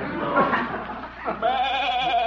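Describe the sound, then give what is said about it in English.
A goat named Arthur bleats, a loud, quavering cry followed by a second, longer wavering bleat, with no talking over it. “Well, here's Arthur my goat.”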